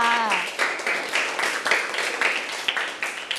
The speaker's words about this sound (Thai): โอ้โหเยี่ยมเลยค่ะปรบมือให้เพื่อนค่ะ